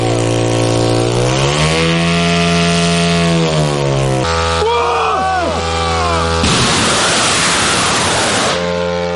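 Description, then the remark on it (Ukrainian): The small propeller engines of middle strike (medium-range strike) drones loaded with explosives buzz loudly. Their droning pitch climbs as they rev up, followed by shifting whines and a rough, roaring rush of noise as all the drones take off at launch. “Всі борти злетіли штатно.”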